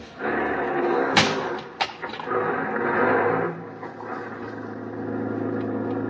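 Outdoors, a taxi door slams shut with a sharp thud as a passenger gets in, followed by a second knock, then the car's engine starts and settles into a steady, low idling rumble.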